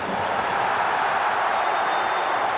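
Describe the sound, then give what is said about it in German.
A stadium crowd of 47,000 cheers for RB Leipzig after the final whistle of their 2:1 win over FC St. Pauli that takes them into the Champions League, in one continuous, steady roar, a dense wash of voices and clapping at the same loud level throughout, with no individual speech standing out. “Das ist der Jubel, der Königsklassenjubel von RB Leipzig.”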